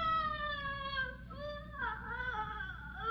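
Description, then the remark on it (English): A sustained, high, wailing shriek like a trapped animal crying out, heard inside a house, its pitch wavering and bending downward midway before rising again, loud and continuous with no talking. “Boss, it almost sounds like a trapped animal. Miss Martha, where is that shriek coming from?”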